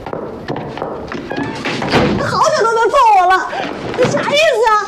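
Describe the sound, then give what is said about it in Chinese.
A door thuds shut with a dull thump while agitated voices keep talking over it, one raised and emotional. “不是，这样，你把门先关上，关门，关门。”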